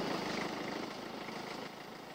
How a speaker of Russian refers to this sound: Вот уже трактор подъезжает